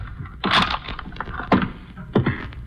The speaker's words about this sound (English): Shut the door, Louis, and lock it.